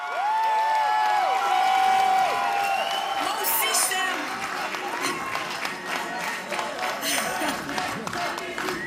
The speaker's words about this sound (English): That gets everyone chanting together again. Ce n'est qu'un début, continuons le combat. It's just the start, let's continue the fight.